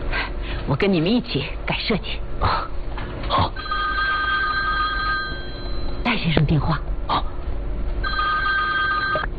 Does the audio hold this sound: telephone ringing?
yes